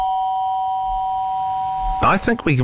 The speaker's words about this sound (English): Oh, this one's, yeah, I think we'll go with this one. There we go. Yeah, with the doorbell. There we go.